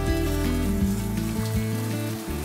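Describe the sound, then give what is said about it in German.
Food sizzles steadily on a charcoal grill, a continuous crackling hiss lasting a couple of seconds, with a low droning hum underneath and no one speaking. “Brutzeln sie schon? Die brutzeln hier nicht so richtig.”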